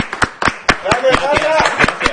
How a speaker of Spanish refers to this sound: ¡Otro aplauso!